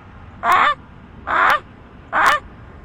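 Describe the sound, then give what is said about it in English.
A boy imitates a Canada goose's honk three times, evenly spaced, each call a loud, nasal, harmonic blast about a quarter second long, clear with no other sounds. “The Canada goose.”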